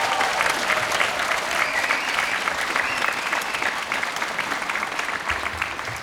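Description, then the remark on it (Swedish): Steady audience applause for a music trio on stage playing baroque cello, nyckelharpa and jazz piano, a dense wash of many hands clapping at an even level throughout, with no voices rising above it. “Och de får ju en applåd förstås.”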